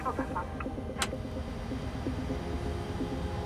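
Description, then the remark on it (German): Engine number one of a 75-metre-long aircraft starting up, heard as a steady low mechanical rumble with a faint whining hum, and a single sharp click about a second in; no one speaks. “Engine number one start.”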